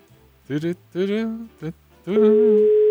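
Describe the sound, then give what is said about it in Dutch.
A few short spoken phrases, then a steady, unbroken telephone ringing tone begins on the line near the end, holding one even pitch while a voice briefly overlaps it. “Gaat hij over? Ja, hij gaat over.”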